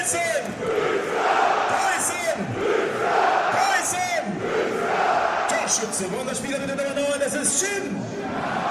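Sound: stadium crowd cheering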